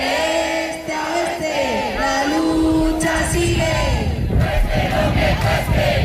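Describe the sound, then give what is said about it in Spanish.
A large crowd at a protest in Spain chants and shouts together in sustained, rising voiced cries, a dense roar of many voices at a steady, loud level throughout. “Cerca de una decena de movilizaciones se han unido a lo largo del día.”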